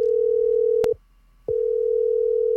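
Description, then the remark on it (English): A steady electronic ringing tone on a phone line during an outgoing call, cut by one short silent gap and then resuming, clear and fairly loud with no voices. “It's definitely ringing.”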